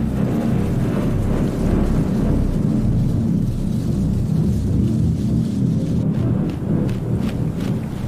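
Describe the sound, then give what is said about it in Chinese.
A thunderstorm rolls on with a deep, continuous rumble of thunder, rain hissing steadily over it, and a few sharper gusts near the end. No voices. “欧哥冬妈妈加紧捕捉昆虫，她也在为暴风雨做准备。”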